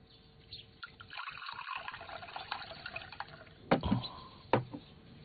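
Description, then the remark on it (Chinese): A child pours water into a cup for his father to drink. Water splashes and trickles in a steady pouring stream, with a couple of sharper clinks and splashes near the end as the pour finishes. “爹，您渴了吧？孩儿给您倒水喝。”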